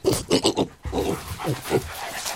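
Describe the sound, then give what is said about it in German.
A truffle-hunting dog sniffs and pants in a quick run of short, breathy bursts, followed by a few rougher snuffling breaths with no talking. “Er sieht aus wie ein kleiner, hässlicher Erdklumpen und wird meistens von Schweinen oder Hunden aufgespürt.”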